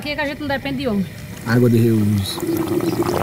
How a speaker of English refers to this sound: just turned on the pump, and the gray water is now being conducted throughout the property to water the fruit trees and also a plantation of palma cactuses she uses to feed the animals.